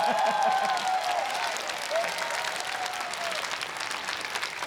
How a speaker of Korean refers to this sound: 박수 치신 분만 한백년 건강하게 오래오래 사이소이.